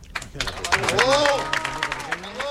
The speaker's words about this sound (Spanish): Aplausos a Enrique Riquelme en este discurso de final de campaña.